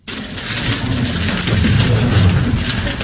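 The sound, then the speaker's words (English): A Rubik's Cube clicks and clacks as a six-year-old girl from China speed-solves it in just over 4 seconds, setting a women's world record. A dense, fairly loud rattle of rapid plastic turns runs steadily for about three seconds with no voices. “That's the clicking sound of a Rubik's Cube being speedily solved by a six-year-old.”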